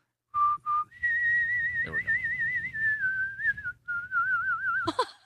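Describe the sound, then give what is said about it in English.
A person whistles the national anthem as a clear, sustained melody with wavering vibrato, steady throughout, ending in a short burst of noise. “It's already impressive enough if you can whistle the national anthem like that.”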